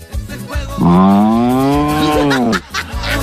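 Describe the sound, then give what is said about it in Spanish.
A person gives a long, loud, drawn-out moo in imitation of a cow, a single sustained bellow lasting about two seconds, with faint background noise before and after. “¿Cómo hace la vaca?”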